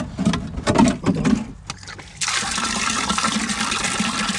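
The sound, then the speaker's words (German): Water sloshes and splashes as a watering can is dipped into a barrel of collected rainwater in a garden and filled, starting with a few uneven gulps before settling into a steady rush of pouring water. “Meine Gießkanne ist noch leer. Wo kriegen wir Wasser her?”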